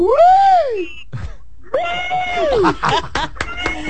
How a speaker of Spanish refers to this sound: tira el gritico.